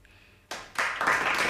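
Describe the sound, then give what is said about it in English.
Applause marking a listener's donation to the Symbol and Sound show on WMNF breaks out after a quiet moment, starting suddenly and swelling into a dense, steady wash of many hands clapping that stays loud to the end. “Applause, applause.”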